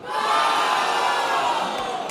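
A large stadium crowd at Letná roars in sustained, loud cheering after Antonín Hoď's goal puts Slavia Praha 1-0 ahead of Hungária, a dense wall of many voices shouting together with no pause for the whole stretch.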